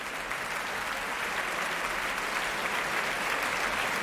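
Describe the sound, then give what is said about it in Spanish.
Sustained, dense standing ovation from a large audience for the Orquesta Nacional de España conducted by Lina González Granados, live in the Sala Sinfónica of the Auditorio Nacional de Música in Madrid, a steady roar of many hands clapping at even loudness throughout, with no voices standing out. “Era la interpretación de Lina González Granados al frente de la Orquesta Nacional de España, que ahora puestos en pie reciben esta ovación que estamos escuchando aquí en directo desde la Sala Sinfónica del Auditorio Nacional de Música en Madrid.”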